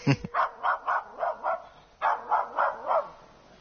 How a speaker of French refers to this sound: Ce chien qui aboie, passe-t-il en coulisses? Est-ce un hasard, un incident? Ou un choix du metteur en scène?